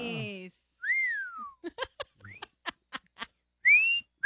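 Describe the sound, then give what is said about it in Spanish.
A person whistles a few short tonal phrases, including a rising-falling slide and a high sustained note, broken up by quick clicks and brief bursts of laughter-like sounds, moderately loud. “No, al chiflidillo.”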